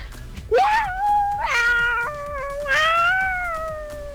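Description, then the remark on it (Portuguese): A cat lets out three long, drawn-out, loud meows in quick succession, each wavering in pitch like a plaintive yowl, with a faint low rhythmic rumble in the background. “Que isso aí, rapaz? É um gato?”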